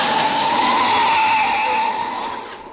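A car tears along as the driver jams down the gas pedal, its tires screeching in a long, loud, steady squeal, the engine roaring beneath; the noise eases slightly toward the end without stopping.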